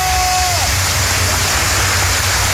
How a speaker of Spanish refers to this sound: Así que, nuevamente, querido pueblo de Guatemala, un fuerte aplauso a todas estas señoritas.